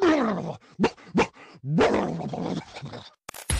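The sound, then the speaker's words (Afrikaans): A person mimics a dog, letting out a string of loud barks and gruff growling yelps in quick, uneven bursts, with no one talking. “And when you are onseker, blaf.”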